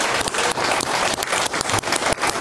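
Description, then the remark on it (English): A show audience applauds loudly and steadily as political commentator Arden Kapala is introduced on a panel, a dense crackle of many hands clapping at once that holds its level throughout with no pause and no voices. “A huge round of applause for political commentator Arden Kapala.”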